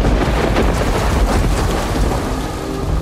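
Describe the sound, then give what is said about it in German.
A thunderstorm on a plateau with heavy, steady rain growing heavier and a low rumble of thunder rolling underneath, loud throughout with no voices. “Gut, der Regen wird stärker.”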